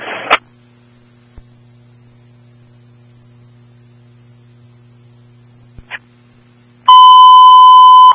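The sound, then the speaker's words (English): Emergency dispatch paging tones for Security District 2 Medical, units 173 and 183, sent at 10:30 for a chest pain call at 7365 Herbert Court: after a brief burst of radio static and a long stretch of low electrical hum, a loud, steady, high-pitched tone sounds alone and runs to the end. “173-183, respond to 7365 Herbert Court on a chest pain, tones and pages at 10:30.”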